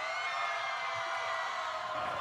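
At the Festival Aguas con el Rock, a dense, steady wash of audience applause for a band fills the whole moment, a continuous hiss of many hands clapping with faint cheering mixed in, at an even, moderate level and no speech.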